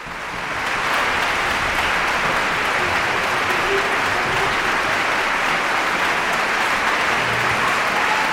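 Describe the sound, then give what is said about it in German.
Thunderous, sustained applause from a large concert audience after an orchestra's symphony performance fades in quickly and holds steady, dense clapping filling the space, with a few scattered bravo shouts rising from the crowd. “Noch einmal großer Applaus, Bravo-Rufe aus dem Publikum.”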